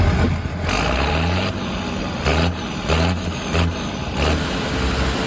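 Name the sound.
tractor engine running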